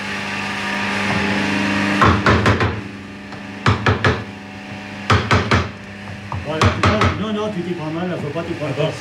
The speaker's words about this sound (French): D'abord, faut tenir ton outil comme ça, voilà, et avec ton marteau bien en face le morceau de bois, voilà. Tu pars comme ça. Ah oui, oui. Et tape bien, et bien d'aplomb. Encore. C'est parfait. Voilà. Un peu plus fort, là.